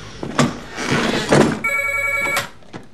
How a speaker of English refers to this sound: Vincent's asleep at home when Maggie rings.